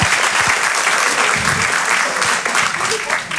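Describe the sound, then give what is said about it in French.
Steady audience applause fills the whole stretch, a dense, loud wash of many hands clapping at once, with a few brief cheers or voices mixed into the clatter. “Il m'a applaudi, je mets une coloscopie, bravo, bravo.”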